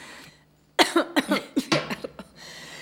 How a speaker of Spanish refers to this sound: Me he agarrado tos.